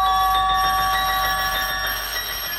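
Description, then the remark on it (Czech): The sharp doorbell of a flat rings loudly and without pause, a shrill, buzzing electric tone held steady for a few seconds, with no voices. “S prudkým zvoněním vstoupila do našeho bytu prvně bezpečnost.”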